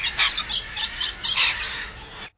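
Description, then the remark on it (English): A bird call: a run of shrill, squeaky chirps in quick, uneven bursts, fairly loud and high-pitched, with no voices over them. “I don't know what sort of birds they are, but it's a bird noise.”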